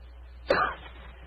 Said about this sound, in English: After a moment, he gave what he thought was a discreet cough.